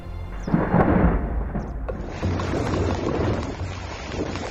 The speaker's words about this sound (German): Valencia im Oktober 2024. Sintflutartige Regenfälle überziehen die Ostküste Spaniens. An einem einzigen Tag stürzt in manchen Orten so viel Wasser vom Himmel, wie sonst übers ganze Jahr verteilt.